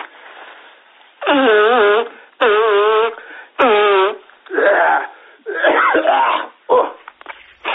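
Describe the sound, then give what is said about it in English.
A person with a cold blows their nose repeatedly, a run of five or six loud, honking, trumpet-like bursts, each under a second long with short pauses between and no talking. “Just let me blow my nose, yeah?”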